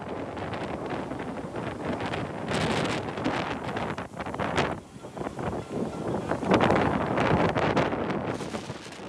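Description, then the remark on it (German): Strong storm wind, quickly gaining strength, roars and buffets the microphone in continuous gusts at the Olympic harbour in Kiel-Schilksee, Germany, on an autumn day, a dense rushing noise that surges louder and eases off, with hints of water and the rigging of moored sailing and motor boats. “Der Sturm nimmt schnell an Stärke zu.”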